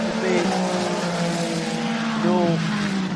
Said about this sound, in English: That's Andrew Pegwini's 499p engine, 3 litre, 499p because it is 499 cubic centimetres for each one of the six cylinders that is behind the driver's head, pushing that car forward.